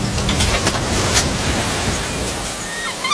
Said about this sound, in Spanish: Mar adentro comenzó una gran tormenta. Los piratas casi perdieron el control del barco y, en medio de la oscuridad, se desviaron de su rumbo.